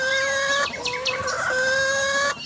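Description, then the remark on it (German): A male starling in mating season mimics chicken clucking with a loud run of harmonic, cackling calls that rise and break for a couple of seconds, then stop abruptly. No one speaks. “Es darf auch mal ein Hühnergackern sein.”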